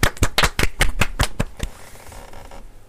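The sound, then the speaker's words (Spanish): Applause for a correct answer in a Bible quiz: a short burst of sharp, evenly spaced hand claps, about ten loud ones in quick rhythm, then softer scattered clapping that trails off into quiet. No one speaks. “Saúl, muy bien, muy bien. Un aplauso ahí.”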